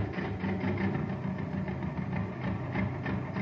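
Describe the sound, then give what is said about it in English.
A small toy jet cycle engine running on ordinary fuel putt-putts steadily, a low, rapid chugging rumble with a faint buzzy edge that holds at an even loudness throughout, with no voices over it. “Listen to this jet cycle.”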